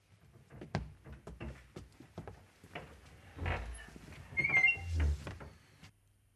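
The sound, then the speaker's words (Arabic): A door is unlatched and swung open, with scattered knocks and rattles from the latch, then a short creak of the hinges and a soft thud. Nobody speaks. “لم آتي لهذا يا ابن أبي، فافتح الباب.”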